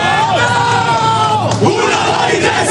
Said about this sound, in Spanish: El grito de guerra que sigue a la charla de Azpilicueta, que aunque no juegue es el que les estaba diciendo más unidos que nunca el objetivo de la temporada.